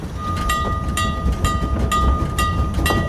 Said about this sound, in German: Oh, der Zug stoppt. Endlich sind wir da.